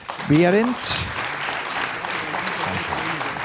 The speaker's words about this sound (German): Ein Riesenapplaus für die Stiftsmelzer.